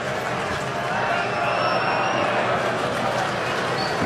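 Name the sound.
baseball stadium crowd cheering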